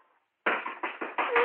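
The large wings of a flying creature thud against the walls, ceiling, fireplace and window of a room in a quick burst of about five heavy impacts, loud and irregular, following a brief near-silent moment.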